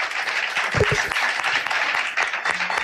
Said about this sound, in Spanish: Podéis aplaudir, para ver que la gente, que hay gente. ¡Vamos! ¡Vamos!